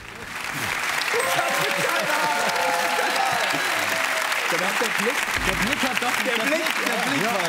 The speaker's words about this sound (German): dieser Applaus ist sehr von Erleichterung getrieben.